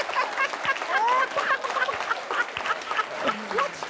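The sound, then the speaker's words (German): A man, a German champion in clucking, imitates a clucking hen: a dense, busy stream of rapid, repeated clucks and squawks, fairly loud, continuing for several seconds with some background crowd noise. “ich bin deutscher Meister im Gackern.”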